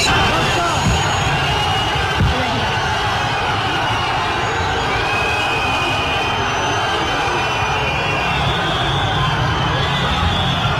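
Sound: crowd booing a politician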